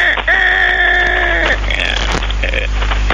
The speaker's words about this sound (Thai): ไก่ขันตั้งแล้วเนาะ